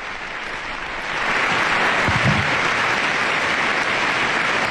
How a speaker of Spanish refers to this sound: Un largo aplauso de todos los miembros de esta institución que ha recibido al Papa León XIV, que en este momento se retira junto con el director de esta institución, el señor Khaled El Enani, director general.